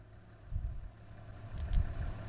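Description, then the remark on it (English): A car engine idles with a low, steady rumble and uneven throbbing pulses, quiet overall with faint higher hiss above it and no voices. “Sorry, the car.”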